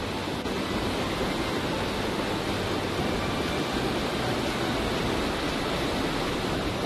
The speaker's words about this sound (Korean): 등산한 지 3시간 만에 만난 가장 큰 폭포이기도 한 대륙폭포. 천왕봉과 중봉, 하봉의 물이 합쳐져 30m 가까운 낙차로 떨어지니 이거 장관입니다.